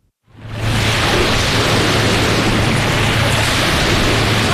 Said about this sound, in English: The distant sound of crashing waves rings through the tree line of Refuge Cove State Recreation Area, north of town.